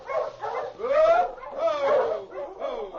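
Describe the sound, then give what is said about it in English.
Several sled dogs pulling a dog sled driven by two men bark and yelp excitedly in overlapping bursts, loud, with high whining tones rising and falling through the steady commotion. “There's a dog sled coming.”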